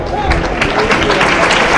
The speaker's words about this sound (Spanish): Aplauso. El público aplaude. Claro, agradece la voluntad del torero.